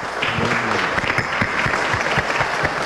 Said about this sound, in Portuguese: Uma salva de palmas aqui para a nossa amiga.